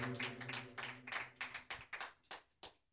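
An audience at a Spanish-language church service claps together in a steady, quick rhythm, sharp bright smacks repeating several times a second, with a low humming tone sustained faintly underneath.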